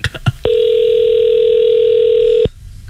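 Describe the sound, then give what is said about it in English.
An outgoing phone call to a cell phone store rings: one steady, loud ringback tone lasting about two seconds, preceded by a few brief clicks and followed by quiet line noise. No one speaks. “That's ringing.”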